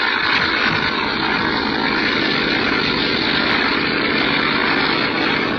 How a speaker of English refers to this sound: You'll never get off the ground. It's too wet. Plane's too heavily loaded.